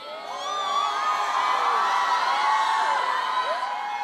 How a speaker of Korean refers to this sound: 네, 지금부터 여러분의 열기로 이 공연장을 가득 채우기 위해 함성 테스트 한번 해봐도 될까요?